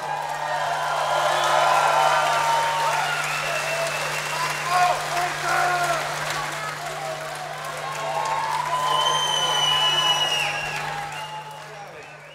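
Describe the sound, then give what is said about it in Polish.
A large audience applauds steadily for about twelve seconds, a dense wash of clapping with scattered voices and cheers mixed in, swelling again near the end before fading slightly, as a performer is invited onto the stage. “Duże brawa.”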